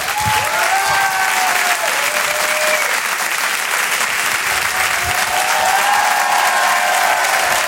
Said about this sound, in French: Je vous demande s'il vous plaît, mesdames, messieurs, un tonnerre d'applaudissements pour Rachid Badouri.